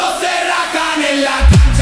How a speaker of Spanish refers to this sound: Suena como barras argentinas chafísimas, güey. A mí me gusta. Suena como barras argentinas, me cae gordo esto.